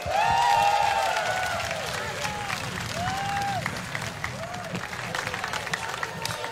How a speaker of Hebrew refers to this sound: תודה רבה. שלומי, אתה מלך, מלך, אנחנו אוהבים אותך. כפיים לשלומי.